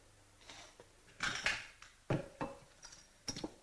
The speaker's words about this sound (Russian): Стекло лампы раздавил. Стекол нигде нету.